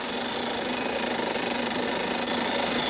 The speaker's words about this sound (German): Die Löcher für die Verpresspfähle bohren die Spezialisten im Trockenbohrverfahren. Dabei wird der Bohrstaub mit Druckluft aus dem Bohrloch geblasen.